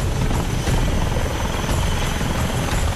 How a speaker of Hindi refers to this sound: चारों तरफ पानी और उस पानी के बीच जिंदगी बचाने की जद्दोजहद। कहीं हेलीकॉप्टर आसमान से उम्मीद बरसा रहे थे